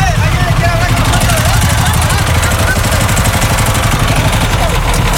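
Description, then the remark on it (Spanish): A boat motor on a river drones steadily and loudly, a constant low rumble that never lets up, with indistinct voices faintly in the background. “A ver, ahí apagaron el motor.”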